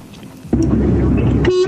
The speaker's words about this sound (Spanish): ¡Esa! ¡Pi, pi, pi, pi, pi! ¡Esa! Me encantó ese bocinazo. ¿Cómo me alegran cuando me tiran un bocinazo? Porque sé que me están escuchando del otro lado.